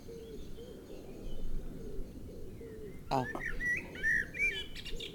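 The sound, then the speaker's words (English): Soft low cooing of wood pigeons drifts through a dense background of birdsong, then a clear blackbird phrase of bright, fluting whistles breaks in near the end, fairly loud. “Yeah, the wood pigeons are answering, you notice.”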